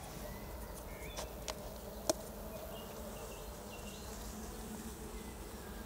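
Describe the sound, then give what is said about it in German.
A dense, steady buzzing of about 50 grams of honeybees in a jar, dusted with powdered sugar to test them for mites, with a few faint clicks and taps breaking through near the start. No one speaks. “Die fliegen sogar weißlos.”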